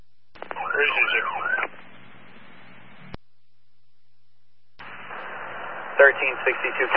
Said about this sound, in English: Sirens, there's an autistic child involved in the crash.